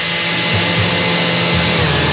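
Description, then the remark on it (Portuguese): A blender whirs steadily, mixing gelatin with boiling water to dissolve it, a loud continuous motor roar with a dense, even hiss and no voices over it. “Isso, bateu para dissolver.”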